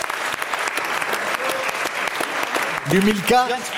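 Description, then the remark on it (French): An audience claps steadily for Bruno Coppens, a dense crackling wash of applause that holds at an even level, with a voice briefly calling out over it toward the end. “On peut applaudir Bruno Coppens.”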